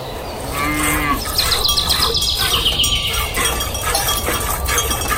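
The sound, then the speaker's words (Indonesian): A cow lets out a short, low moo near the start, with birds chirping and tweeting steadily in the background of an outdoor farm setting. “Halo sapi.”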